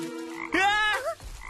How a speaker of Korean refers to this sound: 개구리였잖아.